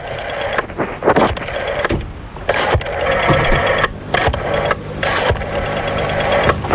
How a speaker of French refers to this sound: On est en train déjà de composer le numéro de téléphone. Voilà qui est en train de se faire.